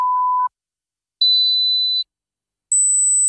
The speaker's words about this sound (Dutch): Hoorde u geen drie piepjes zojuist?